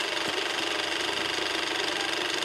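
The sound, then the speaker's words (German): A loud, steady mechanical whir and clatter of a running IMAX film camera, a type of camera weighing up to over 130 kilograms: a dense rattling drone with a fast, even rhythm and no voices. “Wir können ja jetzt hier mal kurz mal was einblenden, wie die eigentlich wirklich klingt.”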